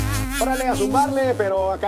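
A loud bee-like buzzing sound effect in a radio spot for Easy Auto Wrecking drones steadily for about two seconds, its tone wavering and warbling as it hums on without pause. No one speaks.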